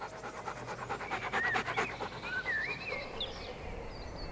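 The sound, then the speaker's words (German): A dog pants in quick, steady breaths, a rhythmic series of airy huffs, while faint bird chirps twitter over a soft background hiss. “Herumtollende Hunde etwa regulieren ihre Körpertemperatur durch Hecheln.”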